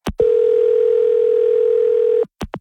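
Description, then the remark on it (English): A single long, steady telephone ringing tone of an outgoing call sounds clearly for about two seconds, bracketed by short clicks and blips at the start and end, with no talking. “Well, I should say you were calling me over and over and over again, but I just called you.”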